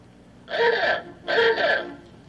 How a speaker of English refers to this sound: It's a car horn, and maybe you're a little bit too young to remember when they had cars like that, but that was an old-time car horn. Yeah. You squeeze it and went, ooga, ooga, that kind of thing.